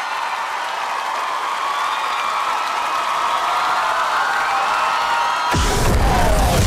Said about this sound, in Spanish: Gracias. Un aplauso, por favor,